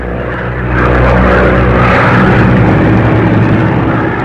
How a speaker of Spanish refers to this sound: Había transcurrido mucho tiempo y la pequeña avioneta aún se mantenía en vuelo, azotada por la tormenta.